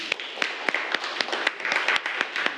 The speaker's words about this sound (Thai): โอเคเอาปรบมือให้เพื่อนหน่อยครับ